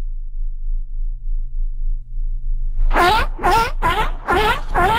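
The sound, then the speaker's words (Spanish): After a few seconds of low background hum, a person who sent in a recording imitates a giraffe call with five short, warbling, nasal bursts in quick succession, fairly loud. “Mira, aquí hay una persona que ya mandó su jirafa, nada más para que lo escuchen.”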